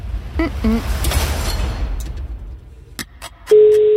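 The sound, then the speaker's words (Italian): After a stretch of muffled background rumble and a few sharp clicks, a loud, steady telephone ringing tone, the first ring of the call, starts on the line and holds to the end. “Primo squillo.”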